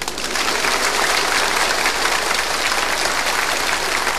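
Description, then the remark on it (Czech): A crowd applauds steadily, a dense, even wash of many hands clapping at once that holds at the same level for several seconds, with no voices over it. “Je to fajn, teď už budou tleskat všemu.”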